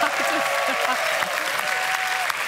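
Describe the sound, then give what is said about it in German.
Steady applause from a quiz show studio audience, dense and continuous clapping at a fairly loud level, with faint voices and a few cheers mixed underneath. “Und es ist ja so eine gute Stimmung hier vom Publikum.”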